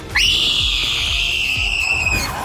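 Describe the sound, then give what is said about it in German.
A loud, piercing high-pitched scream from a television game show, held steadily for about two seconds, with faint rhythmic low thumps pulsing underneath. “Aber dieser Schrei hier hat wohl zum Sieg geführt.”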